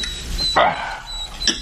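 A dog barks twice: a loud, full bark followed about a second later by a shorter, sharper yelp, over a steady background hiss with a faint high tone.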